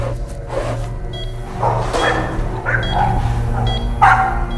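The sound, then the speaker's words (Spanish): Several dog barks ring out at uneven intervals over a steady low hum, the sharpest one near the end, with no talking. “¿Ese perro es el líder?”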